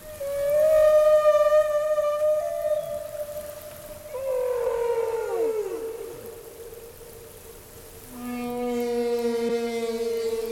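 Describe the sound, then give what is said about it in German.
A male whale's song: long, sustained harmonic moans, then a cluster of swooping, downward-gliding calls, followed by another steady droning tone. Continuous, fairly loud and clear, with no voices. “Tja, ob ein Wal dabei jetzt aber so dasselbe empfindet wie jetzt ein Mensch beim Singen, das wissen wir natürlich nicht.”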